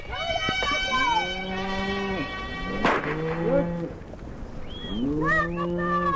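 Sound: cows mooing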